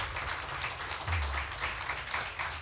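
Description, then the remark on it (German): An audience applauds steadily to welcome a contestant from the Heide area onto the stage in a second preliminary round, with dense overlapping claps forming a continuous bright wash of sound throughout, over a low rumbling hum and with no voices. “Ich möchte, dass sie ihn auch mit einem 10-Punkte-Applaus hier vorne willkommen heißt.”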